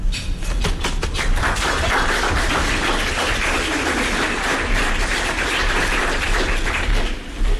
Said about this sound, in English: All right, I appreciate it. That was a pretty good round of applause.